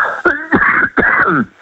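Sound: coughing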